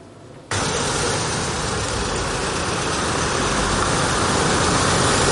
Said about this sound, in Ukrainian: Одна за одною на майданчик перед Міністерством закордонних справ заїжджають евакуаційні автомобілі та машини швидкої допомоги.